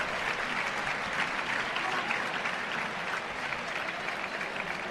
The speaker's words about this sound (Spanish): Vaya, vaya. Escuchen las palmas cuando han salido los toreros al ruedo.